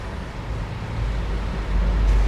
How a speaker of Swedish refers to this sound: Det låter som trafik. Lite trafikbuller. Det är det. Inte vilken trafik som helst, det är bussar du hör. Det är bussar vi hör dundra på. Ja, det är bussar. Ganska många sådana till och med.